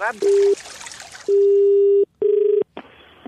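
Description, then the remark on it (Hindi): A telephone line sounds a series of steady electronic tones, a short beep, a longer one, then a pulsing tone, loud, over faint background noise as the radio station Radio Mirchi places a call. “Hello hello, फिर phone कर दिया तूने।”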